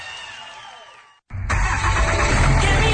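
A whining, winding-down mechanical hum breaks into a brief silence, then a diesel truck engine roars to life and settles into a loud, rumbling idle.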